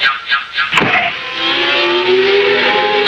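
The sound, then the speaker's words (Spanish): A race car roars past at full throttle, its engine whine climbing steadily in pitch over a loud, rushing wash of noise, continuous with no voices. “Ahí va el auto”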